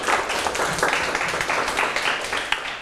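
A class of students applauds a classmate who answered the teacher's question correctly, steadily for a few seconds, many overlapping hand claps forming a dense, even patter at moderate loudness, with no one speaking over it.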